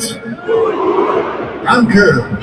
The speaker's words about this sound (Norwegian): Ja, det ikke alt tysk jeg forstår, men når speaker spør publikum hva stillingen og de svarer 4-0, så forstår jeg hva de mener der. Det jo at Bayern nå leder altså 4-0 over, over Bodø/Glimt på Allianz Arena.